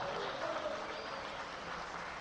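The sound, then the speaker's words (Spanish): Sustained applause from an audience given to the Lord, a dense steady crackle of many hands clapping at an even loudness, with faint cheering or voices mixed in. “Démosle un aplauso al Señor. Ah, pero déselo bien fuerte, a lo menos en estos momentos.”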